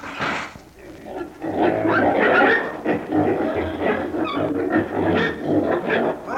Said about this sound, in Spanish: ¡Cuántos chanchos, bella! Esos chanchos en un tiempo fueron personas comunes y corrientes.